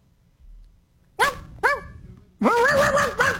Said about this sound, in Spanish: Hazle como un perro, ladra como un perro.